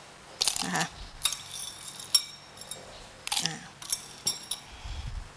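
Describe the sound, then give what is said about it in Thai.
Ice cubes clatter into a blender jar in several bright, glassy clinks, a cluster of quick drops followed by a few more scattered ones, fairly loud with no talking. The ice is added to chill a blended fruit drink. “แล้วก็อาจจะใช้น้ำแข็งลงไปช่วยนิดนึงเพื่อให้เกิดความเย็นนะคะ”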